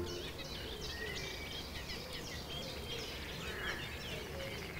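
A nightingale sings in the background on the Mettnau peninsula at Lake Constance, its varied whistles and trills rising over a steady outdoor hiss, with other faint bird chirps scattered through the scene.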